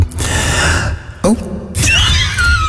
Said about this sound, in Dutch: Vroeger kon ik jodelen. Ah. Aha. Moeten wij ook een beetje galm geven? Misschien wel. Oké. Ik heb het al lang niet meer gedaan, hè? Dus even zien wat er nog van overblijft.